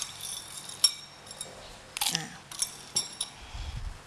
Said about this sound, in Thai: แล้วก็อาจจะใช้น้ำแข็งลงไปช่วยนิดนึงเพื่อให้เกิดความเย็นนะคะ